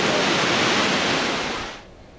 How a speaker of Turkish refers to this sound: Bizler de dünyanın en yüksek 3. şelalesi olan Tortum Şelalesi'ndeki bu yoğunluğu ekranlara getirdik diyelim.